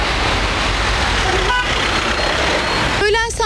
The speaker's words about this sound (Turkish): Ancak biz de evine veya okuluna gitmek isteyenler gibi trafik mağduru olduk.